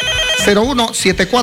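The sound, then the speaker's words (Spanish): A telephone rings for an incoming listener call from Atalaya province in the Ucayali region, a steady electronic tone that starts alone and is soon joined by a voice talking over it, fairly loud. “6:43, ahí están nuestros teléfonos, una llamadita más.”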